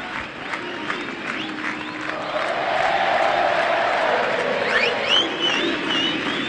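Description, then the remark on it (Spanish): A large concert crowd chants and sings together as it waits for a band to open its show, a broad roar of many voices swelling louder after a couple of seconds, with scattered whistles and shouts rising above it. “Ya se escuchan los coros, escuchan.”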